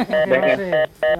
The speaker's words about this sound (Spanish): Uy, se cortó el teléfono ahí.